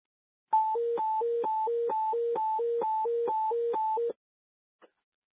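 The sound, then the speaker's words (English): A radio dispatch alert tone warbles between a high and a low pitch, about eight quick hi-lo cycles over several seconds, loud and steady, then stops with a faint click afterward. “Repeat the vocal tones.”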